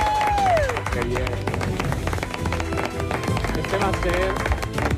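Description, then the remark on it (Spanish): A dense, steady wash of audience applause welcoming a guest to a programme fills the whole stretch, loud, with voices and cheers mixed into the clapping. “Este va a ser mi politono de alarma por las mañanas, para recibir vuestros aplausos.”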